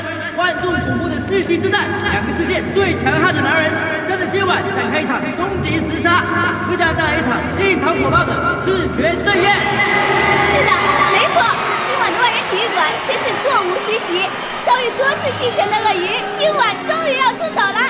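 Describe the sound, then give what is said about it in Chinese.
Excited crowd chatter in a packed ten-thousand-seat stadium before a fighting match begins: a dense, loud wall of many overlapping voices talking and calling out at once, with occasional higher shouts rising from the steady babble for the whole stretch. “为了亲眼目睹一场屠杀，你看比赛还没开始，现场观众的群星就已经一场亢奋了。”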